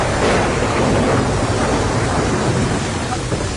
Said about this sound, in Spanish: Las olas gigantes amenazaban con destruir tanto el barco como a sus tripulantes.